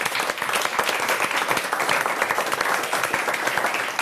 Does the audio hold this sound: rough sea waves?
no